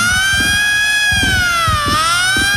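A loud siren wails in a slow rising and falling tone, its steady pitch sliding gently, with rhythmic low rumbling bursts beneath it and no voices.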